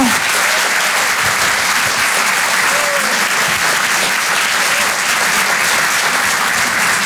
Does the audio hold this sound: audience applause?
yes